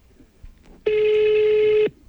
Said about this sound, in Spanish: Son de mensajes.